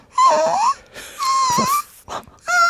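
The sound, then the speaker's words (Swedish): A person doing a voice exercise imitates a whimpering puppy with three or four high, nasal whines rising and falling in pitch, fairly loud, separated by brief pauses. “Sen skulle jag också göra en röstövning som var att jag skulle låta som en hundvalp.”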